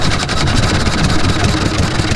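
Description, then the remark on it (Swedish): A small Olympia 3.5-horsepower outboard boat motor runs steadily out in the archipelago in summer, a loud, continuous low chugging drone with a buzzy, sputtering texture and no pauses or voices. “Olympia, 3,5 hästkrafter.”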